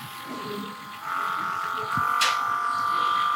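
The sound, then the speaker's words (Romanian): A handheld electric massager with eight heads vibrates against the skin to massage a muscle, with a steady, high motor buzz that switches on at first speed after a moment, then is slowly raised in speed partway through and keeps droning evenly. “Acest aparat de făcut masaj de mânuță”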